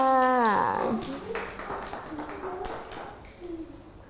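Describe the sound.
A brief high-pitched voice, then a scattered burst of several sharp hand claps at an uneven rhythm, with murmured voices underneath the whole time.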